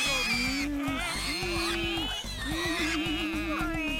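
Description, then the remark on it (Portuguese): Three people imitate wild boar grunts while running on all fours back and forth, with repeated rough, pitched snorts in a steady loud run over a dense, busy background for about four seconds. “Logo ali, os três começaram imediatamente a correr de gatas, de um lado para o outro, imitando os grunhidos dos javalis selvagens.”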